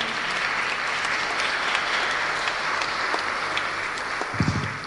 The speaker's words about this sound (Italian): Allora, ci sono con noi, li ringrazio e vi chiedo un applauso perché gli applausi sono gratis.